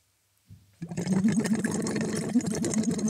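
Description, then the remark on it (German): As a voice exercise, someone holds a tube in the mouth resting lightly on the tongue and blows steadily through it into water, making a continuous burbling, gurgling stream of bubbles with a low hum underneath. It starts after a short pause and stays fairly loud, without any talking. “Und blubbern da rein.”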